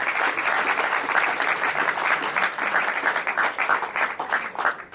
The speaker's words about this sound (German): Ein großer Applaus trotzdem für unsere beiden Finalisten.